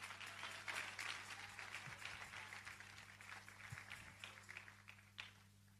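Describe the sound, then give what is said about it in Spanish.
An audience at a sermon applauds the King of Kings in a steady, dense wash of clapping that lasts the whole stretch without letting up, with a faint low electrical hum underneath and no one speaking. “Si usted está agradecido por eso, dele un fuerte aplauso al Rey de Reyes.”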